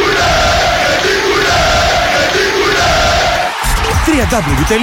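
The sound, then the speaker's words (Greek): A loud football stadium crowd at OFI's home ground chants in unison, a rhythmic, repeating rise-and-fall of many voices, ending in scattered shouts and whistling cheers over a constant roar. “Η έδρα του Όφη χτυπά δυνατά.”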